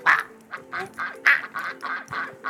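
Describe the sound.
A voice imitates a duck, letting out about eight rapid, nasal quacks in a steady, bouncy rhythm, loud with no other sounds.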